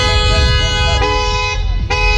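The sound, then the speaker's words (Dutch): Loud car horns blare steadily over a rumbling traffic background, with a couple of sharper honks breaking in near the middle and end. “Er zijn veel klachten in de stad over hard optrekkende auto's, knallende uitlaten en getoeter.”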